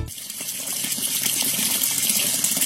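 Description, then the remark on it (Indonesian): Steady hiss of water pouring from a tap, continuous and fairly loud throughout, with a bright splashing texture and no pauses. “Eh, itu keran kenapa nyala mulu?”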